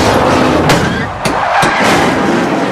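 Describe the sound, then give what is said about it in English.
A loud, dense roar of a multiple-car pileup during a car race, with cars colliding and shedding debris, several sharp metallic impacts and bangs striking in quick succession over a continuous grinding rumble of wreckage. “More cars collide, shedding debris, causing a huge multiple pileup.”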